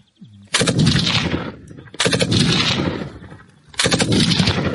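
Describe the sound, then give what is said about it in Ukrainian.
A 7.62×51 calibre machine gun firing cover fires three long, loud bursts of rapid shots, each rattling on for over a second with a booming, crackling roar, separated by short gaps of echoing decay. “Кулемет працює на прикриття. Це основна вогнева міць нашого загону.”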